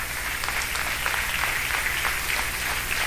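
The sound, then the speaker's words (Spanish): An audience applauds for the Lord Jesus steadily, a dense wash of many hands clapping with no gaps, holding an even, moderately loud level for the whole stretch and with no voices rising above it. “Le damos un aplauso, Señor Jesús.”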